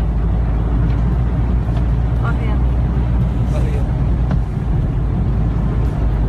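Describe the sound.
A car engine churns and rumbles heavily as the car pushes through flood water and starts to stall, a steady, loud drone with splashing texture, while people talk faintly underneath.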